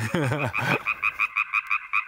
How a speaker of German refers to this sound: Hast du es auch gerade gehört? Da hat ein Frosch gequakt.